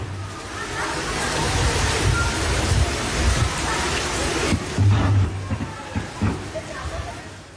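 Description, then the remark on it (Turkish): Heavy rain pours down on the city of Istanbul, Turkey, in a steady, loud hiss across the whole clip, with deep thunder rumbling through it in several low bursts, strongest toward the middle. “Yağışın bastırdığı dakikalarda insanlar eşlerinden evlerine dönüyorlardı.”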